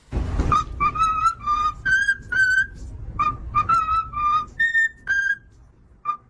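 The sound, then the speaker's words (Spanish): A cockatoo whistles "Happy Birthday" in clear, slightly warbling notes, two melodic phrases split by a short pause, ending on a single brief chirp over a low background rumble. “Es un loro, una cacatúa, piando lo que es el cumpleaños feliz.”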